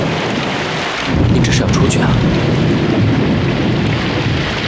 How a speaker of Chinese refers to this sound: 外面在下雨